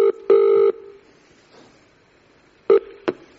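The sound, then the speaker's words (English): Telephone tones as a call is placed to a sound engineer: a short beep, a longer steady electronic tone, a quiet pause, then two more brief beeps, with no voices. “So I rang him.”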